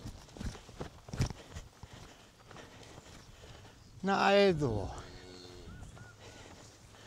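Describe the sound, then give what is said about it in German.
A cow and calf, being herded to a new pasture, pick up speed, walking with irregular hoof thuds and shuffling, broken midway by a loud, drawn-out bellowing call. People talk briefly over the steps. “Kuh und Kalb nehmen Fahrt auf.”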